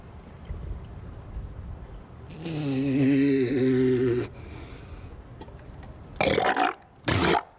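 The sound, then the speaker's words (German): A loud sneeze: a drawn-out, groaning vocal buildup followed by two sharp, explosive bursts of breath, with no talking. “Gesundheit.”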